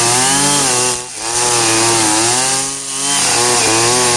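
A brush cutter that has just been started runs loudly and steadily with a buzzing, harmonic whine from its small engine, dipping in pitch twice as the throttle eases off and then revving back up. No voices are heard.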